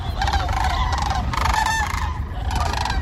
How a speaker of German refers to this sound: Man hört sie erst. Und dann sucht man hektisch den Himmel ab nach den riesigen Vogelfaus. Kraniche, Leute, die sind gerade wieder unterwegs. Hunderttausende über Almania.